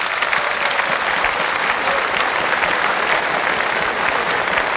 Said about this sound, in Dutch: En we geven jou een bijzonder applaus, hè. Komt-ie.